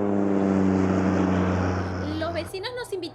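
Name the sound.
small propeller plane flying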